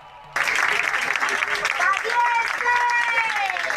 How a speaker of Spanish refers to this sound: Y así, con aplausos y grito de valientes, fueron recibidos en Madrid, en Barajas.